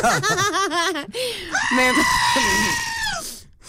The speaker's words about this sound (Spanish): Basta. Con la cabra gritona.